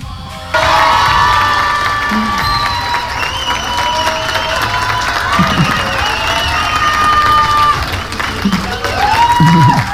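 A crowd bursts into sustained applause and cheering, loud and dense, with high shouts and whoops rising above the steady clapping throughout.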